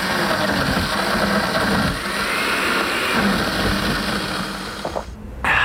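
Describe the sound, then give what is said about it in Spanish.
A blender whirs at a steady, loud pitch, grinding Café 1820 Frozen Cappuccino mix with ice and water, then drops out for a moment near the end before roaring back. No one speaks. “Escucha eso, no es cualquier café. Es Frozen Cappuccino de Café 1820. Le agregas hielo, agua y lo preparas en segundos.”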